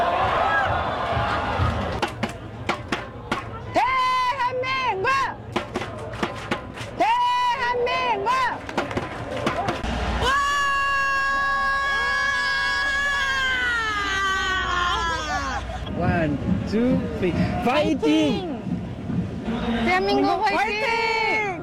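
A football fan supporting South Korea screams loudly and passionately in Seoul: a burst of excited shrieks, then a long sustained high-pitched wail that slides downward, followed by more yelps over a background of crowd noise.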